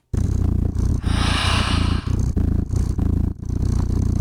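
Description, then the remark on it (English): A cat's purr rumbles loud, a steady low vibrating drone that swells in repeating breath-like cycles with brief dips between them, with no talking, played from a website that generates adjustable cat purring sounds. “You can dial it in to change the sound, add meows, or even adjust the purrs per minute.”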